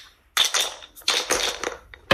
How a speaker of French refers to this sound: Est-ce que vous voulez lancer les dés pour savoir sur quelle case vous tombez et quel défi vous allez faire? Allez, c'est parti!